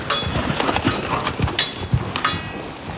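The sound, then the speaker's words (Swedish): Horse hooves pound in a fast, galloping rhythm of repeated thuds, fairly loud, with no voices over them, from horses performing with armoured riders carrying lances in a hippodrama theatre show. “Och bakom rustningar, lansar och galopperande hästar finns en disciplin som ställer andra krav än traditionell ridning.”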